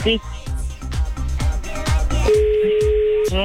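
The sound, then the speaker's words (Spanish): After a stretch of busy, clipped voices, a steady telephone dial tone hums in alone for about a second, flat and unbroken, fairly loud, after the other party hangs up the call. “Oye, colgó, acérquense al teléfono que te escucho muy lejos,”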